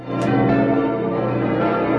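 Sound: cathedral church bell ringing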